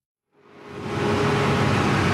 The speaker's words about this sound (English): It's noon on a Tuesday in my neighborhood in Bogota. Garbage bags line the streets, and you can hear the garbage truck coming down the hill.